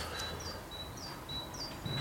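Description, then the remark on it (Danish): Birds sing outdoors in North Zealand, Denmark, on a cold, grey Wednesday, in a series of thin, high whistled notes repeating about every half second, fairly faint against a steady background hiss of open air. “Selv fuglene er glade i Nordsjælland.”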